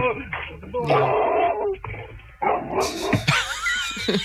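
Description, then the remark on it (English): A giant dog barks in several loud bursts, with high whining yelps toward the end, while voices talk over it. “And there's a giant dog that's going to get me.”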